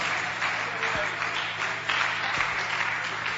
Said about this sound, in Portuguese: Aleluia, graças a Deus. Pode bater as palmas para Jesus, igreja. Oh, maravilha.